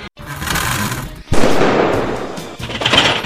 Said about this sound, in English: Did you hear that? Loud bang, then buzzing. Relax. It's not a ghost. It's your HVAC system. If your furnace or AC is banging, buzzing, or rattling, that's not normal. It's a warning sign that something's wearing out or about to fail.